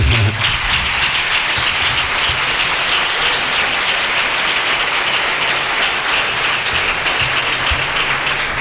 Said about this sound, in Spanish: Pueden aplaudir al quinteto.